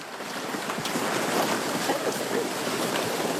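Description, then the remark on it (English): River water laps and sloshes steadily around a boat on the Narayuni River in Chitwan during a Nepali Army search operation, a continuous wash of splashing with a breezy hiss of wind over it and no clear pauses. “A large blue bag is carefully lifted out of a boat and up the embankment of the Narayuni River.”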